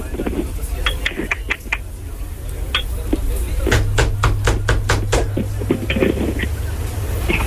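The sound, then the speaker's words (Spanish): Someone raps on a door in bursts: a few sharp knocks at first, then a quicker run of about eight hard knocks, and a few more after, over a low steady hum. “¿Quién toca la puerta?”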